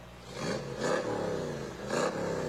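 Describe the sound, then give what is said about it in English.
The engine of Riley Bay's 1965 Cobra sports car rumbles, its pitch climbing and falling through two throaty revs with a steady idle growl between them, heard alone without voices. “There's Riley Bay and his 65 Cobra.”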